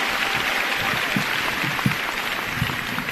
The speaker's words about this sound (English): Let's give the band another round of applause for that. That's our fight song.